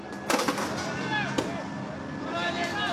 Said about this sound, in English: Young men in balaclavas and black hoodies lobbing rocks at police are met with water cannon. It's a cat and mouse game that plays out in Northern Ireland most summers.